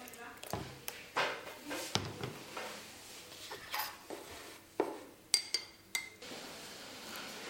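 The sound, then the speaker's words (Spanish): Teacups and dishes clink repeatedly at irregular intervals as tea is being served, a series of light ceramic taps and knocks, with faint voices murmuring in the background. “Era el contexto al principio que va a escuchar como ruido de taza, eso es porque están sirviendo un tecito.”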